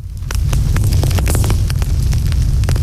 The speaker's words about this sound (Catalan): Avui comencem bé, amb foc, però foc del bo, eh? No del que crema i fa mal als boscos, no, no, foc de festa.